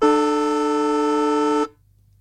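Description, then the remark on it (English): A loud, steady old stadium siren at the Traeger Park football ground blares on one flat, buzzy tone for about a second and a half, then cuts off abruptly, leaving a faint low hum. “The old siren at Traeger Park, eh?”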